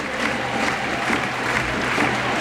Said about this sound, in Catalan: Ara Alexia passa per davant de la banqueta de la Reial Societat, la zona de tribuna, i a poc va aplaudint tot el públic, que és avui el Johan Cruyff, i que no ha marxat encara després del partit per poder acomiadar-se d'Alexia Putellas